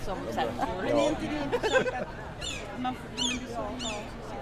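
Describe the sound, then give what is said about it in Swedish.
Seagulls call out in short, high, squealing cries, three or four sharp yelps spaced apart, over a steady murmur of crowd chatter that is louder in the first half, at Almedalen in Visby. “Hör ni måsarna?”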